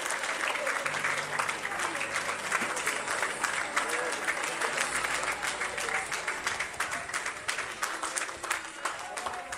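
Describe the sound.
An audience claps loudly and steadily for several seconds in applause to the Lord at a night service, a dense wash of many hands with scattered cheers and voices mixed in, sustained throughout at an even level.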